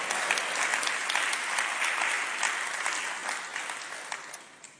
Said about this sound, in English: Has this helped anybody tonight? Well, clap your hands and say, praise the Lord.